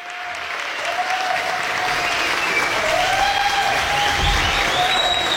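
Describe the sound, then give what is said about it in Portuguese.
Sustained audience applause honoring pioneers of Christian music in Brazil, a dense wash of clapping that builds quickly and holds steady and loud throughout, with faint tonal whistles or cheers drifting above it. “Se a gente puder aplaudir, se isso é bom.”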